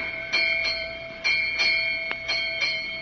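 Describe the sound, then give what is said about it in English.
A ship's bell strikes eight bells at 8 o'clock in the morning on a sailing boat at sea, ringing out in paired strikes, each clang leaving a bright, sustained metallic tone hanging between hits. It is clear, with no voices. “8 bells. 8 o'clock in the morning.”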